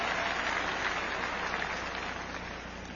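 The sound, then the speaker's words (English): A large crowd claps for President Weingarten in a dense, continuous wash of applause that holds steady for a few seconds, then gradually eases off. No voices are heard over it. “Give your President Weingarten a great big round of applause.”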